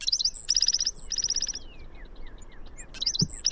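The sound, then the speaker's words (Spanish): Bright, rapid bird song with repeated high chirping phrases, pausing briefly before resuming, over a soft background hiss; no voices present. “Con datos del Laboratorio de Ornitología de Cornell y del Grupo de Naturalistas y Observadores de Aves.”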